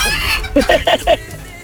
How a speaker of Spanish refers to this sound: Ya va por 1000 y sigue el gallo.